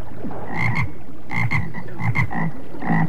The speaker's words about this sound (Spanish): De pronto, escuchó una rana, y otra, y a otra, y se fue internando por el bosque.